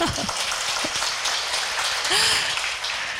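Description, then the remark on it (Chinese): Steady, dense applause from a crowd clapping to show agreement, a loud crackling wash of many hands clapping at once for a few seconds, with a brief voice or two rising faintly beneath it. “太好了，要忍耐了，我们掌声通过。”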